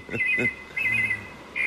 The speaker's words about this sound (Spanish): Este es del río. Sí, es un mirlo. Un mirlo, mira. El más frecuente posiblemente.